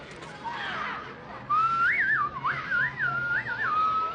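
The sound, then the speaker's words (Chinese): A person whistles a birdlike tune imitating an oriole, a clear mid-high line with quick warbling rises and falls and short trills, starting after a brief murmur of background noise. “你看我学的黄鹂鸟儿像不像啊？”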